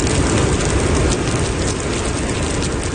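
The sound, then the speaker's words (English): Heavy rain from tropical storm Jangmi pours down on a city street in Tokyo, Japan, a dense, unbroken hiss and spatter that stays loud for the whole stretch, with no voices. “Heavy rain is battering Tokyo as tropical storm Jangmi sweeps in.”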